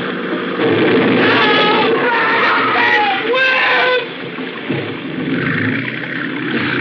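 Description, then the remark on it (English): A boat rams into a boat crowded with people, including women and children, amid a loud, continuous din of overlapping screams and wails over churning water, easing briefly before the commotion resumes. “Brad, you ran down that boat.”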